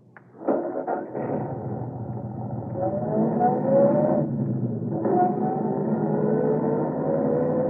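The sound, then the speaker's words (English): A car engine starts up abruptly and roars steadily, loud, with rising whining tones as it accelerates through the gears; no one speaks. “And I'll be following along in my car.”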